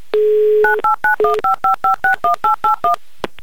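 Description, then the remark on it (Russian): A telephone number being dialed to call a radio prize-game contestant in Lipetsk: a short steady tone, then about a dozen crisp keypad beeps in a quick, even rhythm, loud with no talking. “Иван, я набираю ваш номер телефона, летим к вам.”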